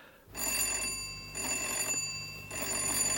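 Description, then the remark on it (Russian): An insistent electric doorbell rings in three loud, bright bursts, each lasting about half a second, with short gaps between them and no talking. “Кого это еще черт несет сюда? Звонок настойчивый, значит, это женщина.”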